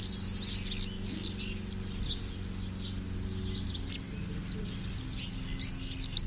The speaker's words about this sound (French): Tiens, voilà un oiseau qu'on entend souvent en ce moment. Il y en a beaucoup dans les villes, dans les villages. Ces populations ne vont pas très très bien. C'est le martinet noir qui vit près de l'homme dans les villages, les villes.